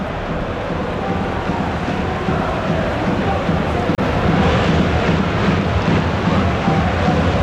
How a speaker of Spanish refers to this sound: Estoy dejando el ambiente para ver si escuchamos lo que gritan. A la nevera, gritan árbitro a la nevera, a la nevera. Es lo que están gritando.